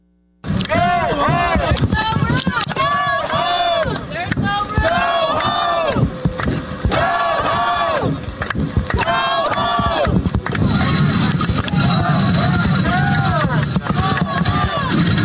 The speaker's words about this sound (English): Tensions rising overnight outside Delaney Hall in Newark. Saturday, protesters clashed with both private security and law enforcement.